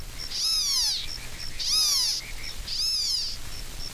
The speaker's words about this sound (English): In Florida, the pig frog, the leopard frog, and the gopher frog, cricket frogs, and two tree frogs are all calling simultaneously.